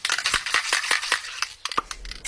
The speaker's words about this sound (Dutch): Ja, dat is natuurlijk een heel herkenbaar geluid. En ik denk dat bijna iedereen ook wel minstens één spuitbus in huis heeft.